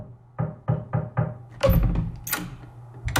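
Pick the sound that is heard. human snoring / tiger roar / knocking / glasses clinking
knocking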